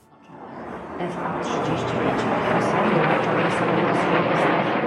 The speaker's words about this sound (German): Kampfjets donnern über das Warschauer Zentrum. Tausende bestaunen am Weichselufer die Flugeinlage. Über Lautsprecher erklärt eine Moderatorin den Flugzeugtyp. Es sind F-35, einige der weltweit modernsten Jets.